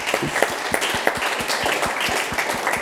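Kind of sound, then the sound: crowd, audience applause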